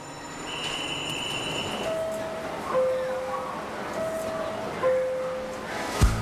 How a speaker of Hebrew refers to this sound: את יודעת מה זה דווקא הרעיון לא רע שליווית אותי לתחנה? אני פשוט אוהבת רכבות.